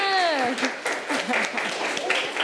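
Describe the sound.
A classroom of students bursts into applause at their teacher's request after a group's performance, a dense patter of many hands clapping, while a voice trails off at the start and others chatter faintly underneath.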